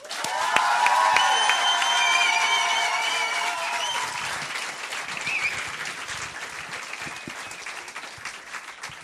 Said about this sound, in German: Ihr seid lieb. So einen Applaus kriege ich immer nur, wenn ich auf die Bühne gehe. Wenn ich runtergehe, ist es immer anders.